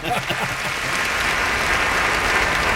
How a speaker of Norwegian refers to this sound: Jag ska ligga på någon sån kunstig applaus.